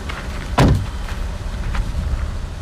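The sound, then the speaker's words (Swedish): A car door slams shut with a solid thud, followed by a few lighter knocks and clatters as a band unloads instruments and equipment from a packed car in sunshine outside an old sawmill on Gotland, Sweden, in summer, against a steady outdoor background hum. “Anna och hennes band lastar ut instrument och utrustning ur den fullpackade bilen”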